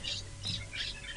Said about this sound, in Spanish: Realmente los pajaritos y todo lo que se escucha desde ahí es una maravilla, es precioso.